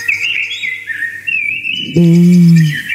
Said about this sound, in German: Schon schön, oder? Wie die singen, die Amseln im Freistaat. Die hören wir gerade wirklich überall in Bayern. Die singen genauso schön wie ich eigentlich.